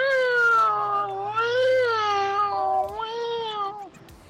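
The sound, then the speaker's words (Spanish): A voice imitates an alarm crying at a funeral as part of a joke: three drawn-out, high-pitched wailing phrases that bend up and down in pitch, loud, with nothing else around them. “Bueno, y pues está la alarma llorando.”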